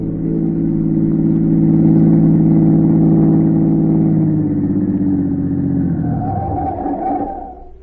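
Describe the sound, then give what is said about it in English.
A black car with its curtains drawn pulls to the curb in front of a church. Its engine hums loudly for several seconds, then winds down as the car slows and comes to a stop, the rumble fading away at the end. “A minute or two later, a black car, its curtains drawn, pulled to the curb.”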